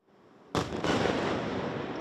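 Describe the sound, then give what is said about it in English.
After a brief hush, a loud explosion erupts during a Russian missile and drone attack on Kyiv, Ukraine, at night, quickly followed by a second blast, then a heavy roaring rumble that lingers and slowly fades. No voices are heard. “Kyiv was under attack right through the night, shaken by huge explosions, as Russia targeted this city with its missiles and drones, and Ukraine tried to defend itself.”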